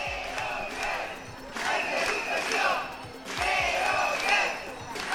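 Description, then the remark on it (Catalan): A crowd of protesting early-childhood education (nursery school) workers, gathered at the doors of the Parliament during a 24-hour strike, chants in unison, loud voices rising in repeated rhythmic waves every couple of seconds, with a few low thumps underneath. “Treballadores de les escoletes d'educació infantil concentrades a les portes del Parlament.”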